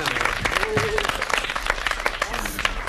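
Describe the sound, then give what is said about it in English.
An audience applauds steadily for about three seconds, a dense wash of many hands clapping at an even, fairly loud level, with faint voices mixed into the crowd noise. “Come on, give yourself some applause.”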